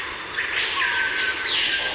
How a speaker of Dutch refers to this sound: Nou, heb jij misschien nog één geluid uit Suriname waarmee we kunnen eindigen? Iets moois. Die ken ik. De bospolitie. De bospolitie. De sirene.